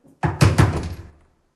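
Three firm knocks on a door in quick succession in a radio drama, fairly loud, each thud ringing out briefly before fading into silence. No voices.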